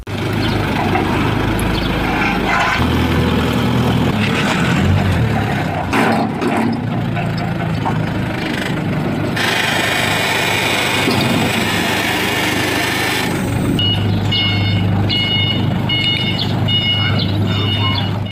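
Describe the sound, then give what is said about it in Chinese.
A forklift engine runs steadily and loudly throughout, with mechanical clanks and shifting motor noise, and a repeating high electronic reversing beep pattern near the end, as the forklift removes two farm vehicles blocking a road during a court-ordered enforcement in Pinggu District, Beijing. “执行法官到达现场时，2辆农用车依旧封堵在路上，被执行人不在家，法官组织叉车移走2辆占道车辆。”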